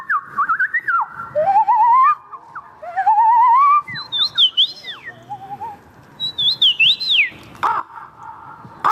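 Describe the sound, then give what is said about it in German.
A person imitates a run of different bird calls at a bird-call imitation championship held in a city centre in Poland: rapid whistled trills, rising and falling sweeps, and high chirps, loud, with short pauses between phrases and no talking. “Mit einer Meisterschaft, die ein Stadtzentrum für einen Abend in einen Wald voller verschiedener Vogelstimmen verwandeln kann.”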